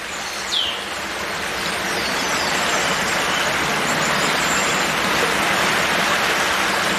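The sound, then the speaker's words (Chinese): Steady babbling of flowing water, heard from dense bushes where a lioness hides, fills the whole recording with a dense, even rush, joined by a single faint bird chirp near the start and no voices. “躲在茂密的灌木丛中，母狮能听见潺潺的流水声，还有织布鸟筑巢时发出的叽叽喳喳的鸣叫声。”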